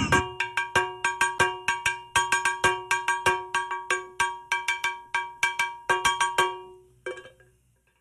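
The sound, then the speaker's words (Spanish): A cowbell is struck in a quick, steady rhythmic pattern, each bright metallic clang ringing with sharp attacks and clustered accents, before it trails off into a few sparse hits at the end. “Hey, tú cómprate esa campana como papá, toca como una comparsa, una vaina así.”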